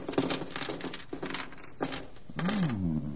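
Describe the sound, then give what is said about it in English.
Diamonds, rubies and emeralds are poured from a bag onto a table in a bright, tinkling clatter, several quick cascades of small hard pieces rattling and settling, ending in a sustained ringing shimmer. “Open that bag there and pour the contents out upon the table.”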